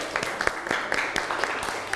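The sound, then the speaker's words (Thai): A class applauds a classmate's answer in a Thai art lesson, a steady burst of many quick overlapping claps with sharp individual slaps standing out, moderately loud throughout the short stretch. “พื้นผิวค่ะ พื้นผิวปรบมือให้เพื่อนหน่อยครับ”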